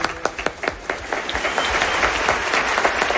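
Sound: audience applause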